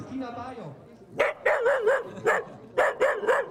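A dachshund lets out a series of sharp, high barks in quick clusters after a brief whiny, drawn-out yelp at the start, loud.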